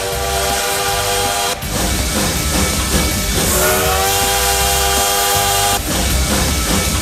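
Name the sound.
train passing sound effect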